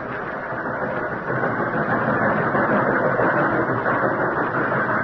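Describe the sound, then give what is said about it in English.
A steady, loud train engine drone rumbles on without pause during a long train trip, a dense low-to-mid roar like a locomotive running at a constant pace, with no voices over it. “Oh, it seemed as though the long train trip would never end.”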